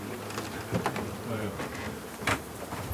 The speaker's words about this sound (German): Ja, gucken wir mal rein. Und hier sind die Bienen drin.